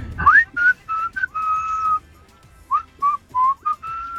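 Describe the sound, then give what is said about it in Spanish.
Someone whistles a bright song melody, a string of short rising and falling notes with one long held tone in the middle, then quick phrases resuming, clear and alone with no talking. “es viernes de canciones de silbidos o qué?”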